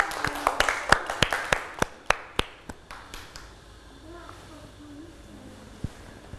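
Children clap for a classmate's watercolor painting of shaved ice and ice cream in a quick burst of sharp, uneven claps that fade out after a few seconds, followed by soft chatter and a single late clap.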